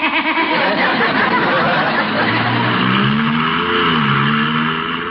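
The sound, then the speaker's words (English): A car with no gear shift, driven off by a judge, revs and accelerates, its engine pitch rising steadily over a constant wash of road and crowd noise, staying fairly loud before easing slightly at the end. “Oh, what an adorable car. Look, no shift.”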